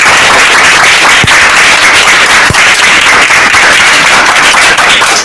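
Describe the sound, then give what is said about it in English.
Many people clapping loudly and steadily for an answer in a school quiz, a dense crackle of many hands with a couple of sharper claps standing out, lasting throughout without any talking. “Round of applause for that.”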